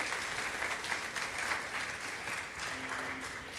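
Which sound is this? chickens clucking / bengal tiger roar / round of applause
round of applause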